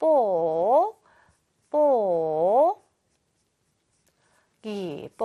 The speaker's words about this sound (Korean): 그렇습니다. 우리 뽁뽁이였죠? 뽁뽁이 써줄게요.